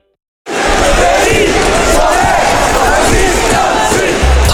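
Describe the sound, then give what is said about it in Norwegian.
A large crowd roars and cheers continuously, a loud, dense wall of many voices shouting together without a break, starting abruptly after a brief silence. “Ta her lyden av lokalsamfunnet vårt.”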